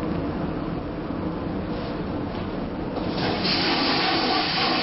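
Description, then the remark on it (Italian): A ferry toilet flushes with seawater as its lever is pushed down, a steady rushing, hissing wash of water that swells louder and brighter partway through and keeps going to the end, with no one speaking. “E noi abbassiamo adesso questa leva che scaricherà sicuramente acqua di mare.”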